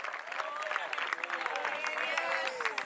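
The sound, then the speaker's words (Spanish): An audience at an open-air preaching service in Salalagua breaks into sustained, loud applause to the Lord, a dense rapid patter of many hands clapping continuously, with raised voices and cheers mixed in underneath. “Alabia a Dios y pues, dele un fuerte aplauso al Señor, a su nombre.”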